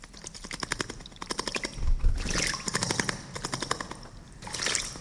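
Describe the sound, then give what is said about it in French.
A small bird bathing in water: quick bursts of fluttering, splashy flicks come in several rapid, rattling runs with brief pauses between them, fairly loud and with no one talking. “Ça, c'est un oiseau qui se lave.”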